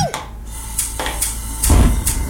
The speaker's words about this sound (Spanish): Estos son los sonidos de una cena. Pero no es cualquier cena. Es una cena que casi no sucedió.